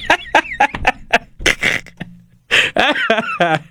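A rooster crows, a rising, strained call with a ringing tone, preceded by a run of short, sharp clucks and squawks from the bird.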